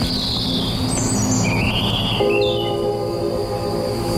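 Birds chirp and whistle in trees in a few rising, sliding calls over a continuous low mechanical rumble, with a steady hum joining partway through. No one speaks.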